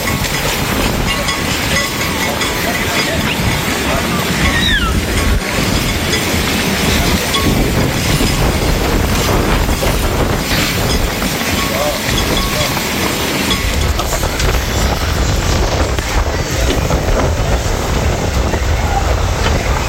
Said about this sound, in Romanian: o furtună de nisip a alungat turiștii de pe plaja din Eforie Nord. Salvamarii spun că nisipul a fost ridicat în aer de vântul care a suflat cu viteză mare dinspre mare spre uscat. Județul Constanța era la acel moment sub cod galben de vijelii.